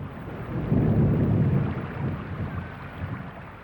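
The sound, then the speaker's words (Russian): Heavy rain pours steadily, a dense continuous hiss with a deep rumble swelling underneath like thunder, loud for the whole stretch with no voices. “Отвалился кусок внешнего купола, прикрывавшего город, и в дыру полил дождь.”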